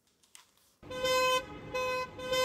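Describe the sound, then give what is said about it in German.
Car horns blare continuously from many cars at once in a motorcade of several nursing care services driving through the town centre of Wermelskirchen at midday, a loud overlapping chorus of honking in pulsing waves after a brief quiet start, with traffic noise underneath. “Im Autokorso sind mehrere Pflegedienste heute Mittag mit ihren Pkw durch die Innenstadt von Wermelskirchen gefahren.”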